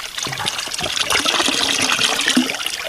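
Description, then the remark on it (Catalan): Someone drinking water from a fountain: a steady, splashy trickle of liquid lasting a few seconds, fairly loud and continuous, with no talking. “tinc ganes de beure un cop.”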